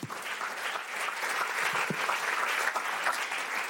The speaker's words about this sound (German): Kleiner Applaus für dich, komm.